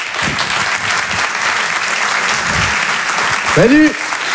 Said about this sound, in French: Je vous demande de l'encourager et de l'applaudir très fort, s'il vous plaît.